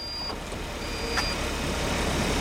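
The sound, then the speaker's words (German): An autonomous test car packed with electronics and roof sensors drives off by itself in Berlin on a Level-4 test drive, with a steady low engine and road hum that swells slightly, a thin high electronic beep tone running over it and a short click midway. No one speaks. “Die Türen schließen sich, alle schnallen sich an und das Auto, vollgepackt mit Elektronik und Sensoren auf dem Dach, fährt von alleine los.”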